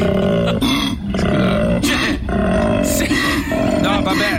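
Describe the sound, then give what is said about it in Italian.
A koala bellows loudly, a deep rasping roar that pulses in long rhythmic heaves with brief dips between them, filling the whole clip without pause. “Forse è un koala, vero? È un koala, sembra un ciugni, sembra un cervo.”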